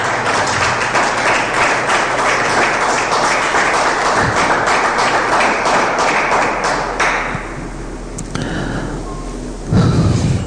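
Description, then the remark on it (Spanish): A crowd claps steadily in a dense, loud burst of applause that fades out after about seven seconds, leaving a quieter stretch with a low thump near the end. “Se se merece un aplauso.”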